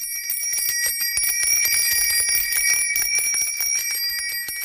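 A bicycle bell rings rapidly and continuously, its bright metallic trill repeating without pause for several seconds at a steady, fairly loud level, with no voices.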